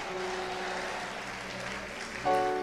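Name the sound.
audience applauding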